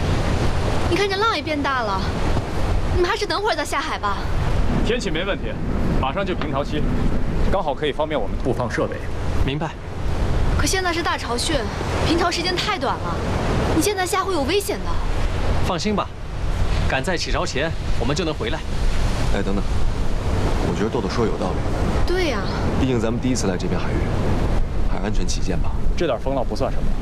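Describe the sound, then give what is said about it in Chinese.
Ocean waves surge and wash steadily alongside a continuous rush of wind, with voices talking over the roar throughout; the wind is picking up and the waves are growing bigger at sea among islands, where divers are about to go into the water. “你看这浪也变大了，你们还是等会儿再下海吧。”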